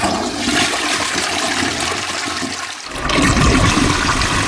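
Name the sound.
toilet flushing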